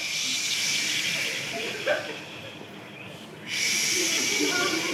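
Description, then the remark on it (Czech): A group of people imitates the sea with a steady, breathy shushing hiss that fades partway through and then surges back louder, like a wave returning. “Takže dobře, zvuky byly super, ale mořský zvuky, jo?”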